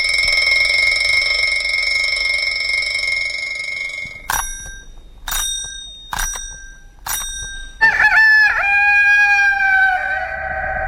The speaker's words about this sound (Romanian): Aici la noi ne scolă de dimineață cocoșul.